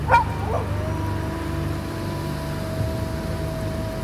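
A wolf lets out two quick, sharp vocal bursts, then a thin, drawn-out whimper that holds steady for several seconds over a low, rumbling growl-like background, during a storm.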